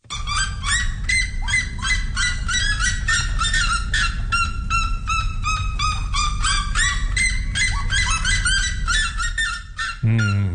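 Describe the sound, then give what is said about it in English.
A red-legged seriema, one of the world's loudest birds, calls loudly, a dense run of harsh, yelping notes repeated rapidly for about ten seconds with no pauses, ending abruptly. “And its equally loud colleague, the red-legged sirenia.”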